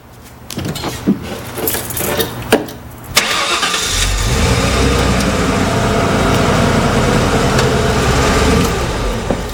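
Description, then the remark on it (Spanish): A pickup truck engine cranks with a few sharp clicks and sputters, then catches at about three seconds and settles into a steady, rumbling idle that continues loudly to the end. “Y arrancando.”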